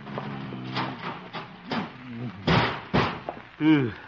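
A heavy metal filing cabinet is shoved against a door to barricade it, giving two loud scraping thuds, mixed with effortful grunts and vocal strain.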